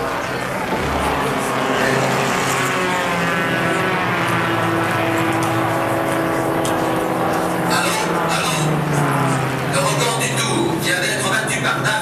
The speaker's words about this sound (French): 4 heures. Le drapeau tricolore s'abaisse. Les pilotes courent à leur voiture et démarrent. Tout de suite, les deux Ferguson prennent la tête.